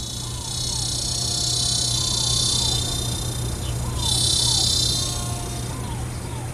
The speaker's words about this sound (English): And the cicadas, electric and itchy, their insistent drone a backdrop to the crescendo of this iron horse.